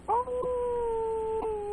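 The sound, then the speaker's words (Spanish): A male caller on WAEL FM radio in Mayagüez, Puerto Rico, imitates a howl, holding one steady, sustained tone for nearly two seconds, fairly loud, with no other talk over it. “aúllale ahí a las nenas, dale.”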